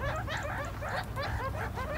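Meerkats squeak in a rapid, overlapping string of high chirps from the young, with a steady low growling rumble from the adults beneath them. The calls are continuous, with no talking.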